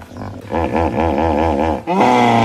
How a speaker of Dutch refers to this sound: Je neemt me de woorden uit de mond. Dat is de volgende. Het is een nijlpaard. Ja.